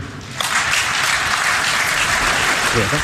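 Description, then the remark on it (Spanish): After a brief lull, an audience breaks into loud, steady applause for the FIFA president's statement that Iran will play at the 2026 FIFA World Cup in the United States, a dense wash of many hands clapping that holds at full strength until the end. “Me gusta cómo en la segunda frase fuerza un poquito el parón para que la gente la aplaude.”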